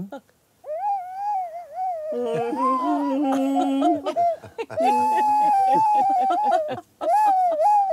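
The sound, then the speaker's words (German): A flute plays a slow, mournful farewell song of long, wavering notes with a reedy, almost howling quality, joined for a stretch by a lower sustained tone underneath. “Und dann habe ich diese Flöte gefunden.”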